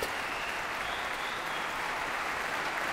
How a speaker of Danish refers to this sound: Der bliver klappet og klappet og klappet. Og folk bliver stående op og klapper. Og det gør de så lige indtil, at han går ud og kommer ind igen og sætter sig ved klaveret.